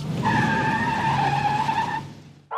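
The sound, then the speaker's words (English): A loud, sustained tire screech rings out for about two seconds over a rumbling car engine, as a car skids hard while passing a bus, then cuts off abruptly with no talking. “You know what? I'm just going to pass the bus up.”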